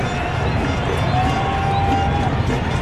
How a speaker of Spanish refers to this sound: El público se emociona, señoras y señores.